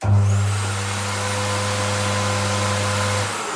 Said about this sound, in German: Okay, und der nächste Schritt ist dann? Das Föhnen. Der Föhn.